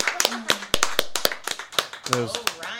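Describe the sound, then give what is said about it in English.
Loud, sharp hand claps right up against the microphone, a dozen or so in an uneven, rapid rhythm, with voices murmuring and talking underneath. “Oh, you're clapping like right into the mic.”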